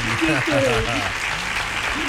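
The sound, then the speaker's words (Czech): A steady burst of applause from a small audience for a contestant who answered a quiz question correctly, dense and even throughout, with a voice speaking over it during the first second. “Ano, potlesk jenom pro vás.”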